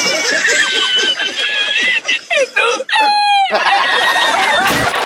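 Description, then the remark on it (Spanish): A bird calls loudly, a run of shrill, harmonic squawks and warbles over busy background chatter, with a sharp rising cry near the middle. “con el maldito pájaro.”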